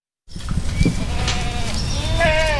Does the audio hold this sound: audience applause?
no